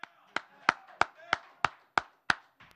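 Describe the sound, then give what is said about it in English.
A single person claps their hands for basketball player Jose Alvarado about eight times in a steady, evenly spaced rhythm, each clap sharp and crisp, followed by one softer final clap. “I know a lot of you guys can't because you're in the media and you got to be neutral, but I'm going to fucking clap for Jose.”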